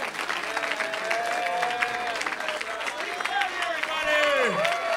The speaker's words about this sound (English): Keep on clapping. Clap louder than that.